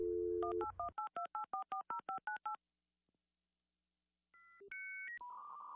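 A brief hum of dial tone gives way to a quick, even run of about a dozen touch-tone dialing beeps, then a pause and a few louder electronic phone-line tones.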